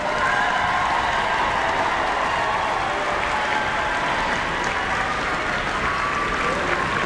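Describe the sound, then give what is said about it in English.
Sustained applause from a large audience at a Town Hall choir concert, a dense steady patter of many hands clapping at an even loudness for the whole stretch, with a faint murmur of the crowd underneath. “Keep the applause going.”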